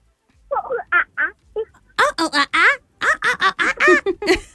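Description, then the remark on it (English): A child's voice does a monkey impression: short, high-pitched hooting calls repeated in rapid bursts, starting softer and growing louder into a fast, excited string of whoops. “I want you to make a sound of a monkey for me.”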